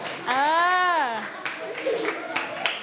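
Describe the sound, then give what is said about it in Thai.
A drawn-out voice call gives way to scattered, uneven hand claps from a group of children, brief, with some chatter mixed in. “จบหรือยังจบแล้วเอาปรบมือหน่อย”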